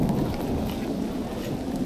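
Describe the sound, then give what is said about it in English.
Steady rain pours down with a deep, continuous rumble of thunder rolling underneath, a dense and loud storm wash with no voices. “I think the storm might have driven them into the forest.”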